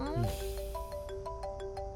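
phone ringing

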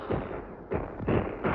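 artillery shells exploding

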